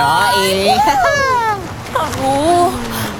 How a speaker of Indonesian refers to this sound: Asik, kita di pantai.